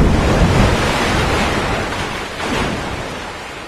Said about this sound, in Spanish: Las columnas se derrumban. La ola gigante atraviesa la cascada.